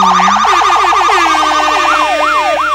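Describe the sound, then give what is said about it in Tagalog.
Loud police escort sirens wail with no talking, starting in a rapid, high yelping warble that slows into longer rising-and-falling sweeps, with overlapping siren tones layered together. “Eh ngayon nakita mo na ang mga escort ng mga damuhong ito?”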